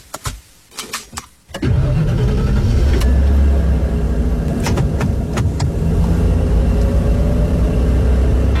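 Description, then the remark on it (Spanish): A few sharp clicks and knocks, then a car engine cranks and catches, settling into a steady, loud low rumble of idling that continues to the end. “Mami, antes que encendas el auto, recuerda que soy pequeño.”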